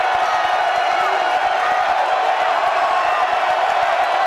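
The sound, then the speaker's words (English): A huge stadium crowd of Nebraska fans, on their feet behind their offense, roars and cheers continuously, a dense, loud wall of voices with scattered whoops and claps, sustained at full intensity throughout. “Nebraska fans coming to their feet, getting behind their offense. It's loud here, and Rabe's having trouble hearing.”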